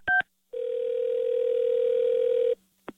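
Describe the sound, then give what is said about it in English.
A telephone dial tone: a quick two-note beep, then a steady, buzzy hum that holds for about two seconds before cutting off with a small click. No voices are heard. “Don't answer the phone. It's another K-Win Carmen prank call.”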